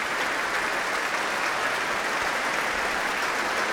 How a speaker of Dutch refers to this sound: Het werd hier gespeeld door het Concertgebouworkest onder leiding van Klaus Mäkelä. En een staande ovatie hier in de grote zaal van het Concertgebouw in Amsterdam. Waar Klaus Mäkelä net de trap op is gelopen.